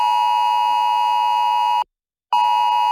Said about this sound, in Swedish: Det är det nya varningslarmet SE Alert som du får i din mobil vid stora olyckor eller andra händelser som hotar liv, hälsa, egendom eller miljö.